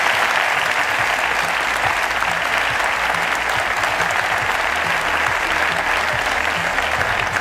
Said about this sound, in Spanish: Me gustaría pediros un aplauso para ellos.